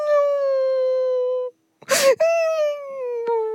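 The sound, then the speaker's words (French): A loud, drawn-out wailing cry of someone crying hard, two long sustained wails broken by a sharp, noisy gasping breath in between, alone without any talking. “explique-moi pourquoi tu pleures comme ça.”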